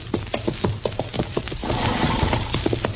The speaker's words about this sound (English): Darn horse. Seems he's just bound to stomp all the dust and Kansas in my eyes.